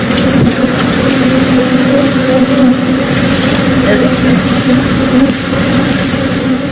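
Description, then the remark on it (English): A huge swarm of millions of honeybees, escaped from an overturned semi-truck carrying beehives in Texas, buzzing in a dense, unbroken drone that stays loud and steady from start to finish, thick with overlapping hums. “Millions of bees all at once.”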